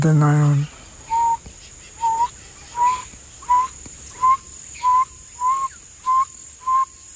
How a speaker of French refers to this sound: Ça, c'est Mokoba, les hiboux. S'ils chantent près du village ou de la maison de quelqu'un, il annonce qu'un de ses proches parents va mourir.